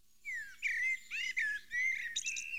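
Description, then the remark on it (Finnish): A Eurasian blackbird sings in clear, fluty phrases, several short warbling bursts with brief pauses between them, ending in a higher twittering flourish. No one speaks. “Tuolla taustalla muuten on mustarastas, Etelä-Suomen lehtimetsien sulostuttaja.”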